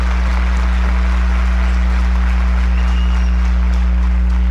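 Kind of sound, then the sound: crowd, audience applause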